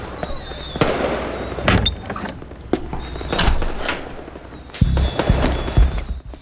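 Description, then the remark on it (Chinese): Firecrackers and fireworks for Chinese New Year pop and bang outside in an irregular string of sharp cracks and deeper booms, some echoing faintly, others muffled, with no voices over them. “外面是过年的烟花爆竹声，里面是生命的消逝。”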